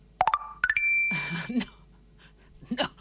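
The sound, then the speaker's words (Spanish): A WhatsApp message notification tone on a phone: a quick run of short, bright electronic beeps climbing in pitch, clear, followed by a brief rustly burst of noise and a faint voice. “Parece que tengo una notificación.”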